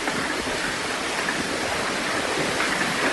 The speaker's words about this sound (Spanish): Así sonaba ayer la lluvia y el granizo en Eslida.